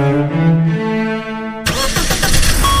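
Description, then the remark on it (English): A car engine starts: a steady, droning starter whir for about a second and a half, then the motor abruptly catches and bursts into a loud, rough, rumbling roar. “Love your engine?”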